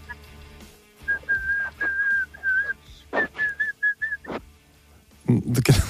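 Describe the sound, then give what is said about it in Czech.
A person whistles a short melodic tune, steady clear notes in two phrases with brief pauses, ending with a burst of noisier sound. “Prostě si jen tak pískáš, protože, a teď schválně, máš dobrou náladu.”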